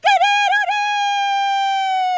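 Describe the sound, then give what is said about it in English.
A newsreader imitates a rooster's crow, starting with a few warbling bursts and then holding one long, loud, steady note for about two seconds, with no talking. “That actually is a great impression of a rooster.”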